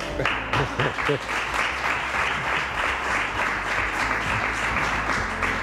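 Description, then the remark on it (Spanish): An audience in San Millán claps steadily and loudly for several seconds, a dense wash of applause with faint voices mixed in near the start. “Igual que resuelve, y hay que darle también un aplauso, José Miguel Azpiroz, para repasar el resto de noticias y sonidos del día.”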